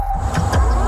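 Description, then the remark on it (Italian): A fully electric BMW car drives past, its steady high motor whine running under two quick whooshing surges of tire and air noise. No one speaks. “E questo è il suono del piacere di guidare.”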